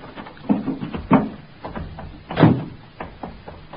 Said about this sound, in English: I opened the door of the car.